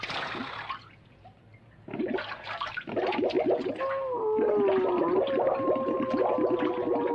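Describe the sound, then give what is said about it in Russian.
Water sloshes and splashes in a bathtub as a man rinses off soap foam, followed by a burst of bubbling and gurgling as he dives under the water, then a steady underwater burble with a rising whistling tone. “Ныряет под воду.”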